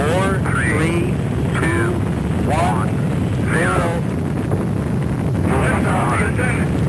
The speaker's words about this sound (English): Also in 1981, the world witnessed the first launch of the Space Shuttle Columbia. We hear a main engine start.